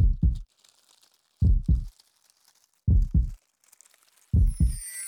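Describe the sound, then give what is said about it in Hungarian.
A slow, steady heartbeat: four deep lub-dub pairs of low thumps, evenly spaced about every second and a half, with faint crinkly high noise between beats and no talking. “Az enyém minden fáért nagyot dobban.”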